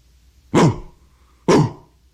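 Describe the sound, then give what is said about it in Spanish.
Two short, sharp dog barks about a second apart, fairly loud, with quiet gaps around them and no one talking. “Por fin registró el lenguaje del perro y tradujo el saludo de Sebastián a ladridos.”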